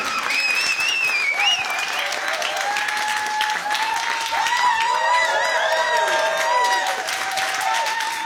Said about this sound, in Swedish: Stora varma applåder